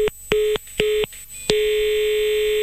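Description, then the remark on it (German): A telephone line tone after the call is hung up: three short, loud electronic beeps in quick succession, then one steady unbroken tone that continues to the end, with no voices. “Und Sie sehen jetzt zu, ich werde jetzt auflegen.”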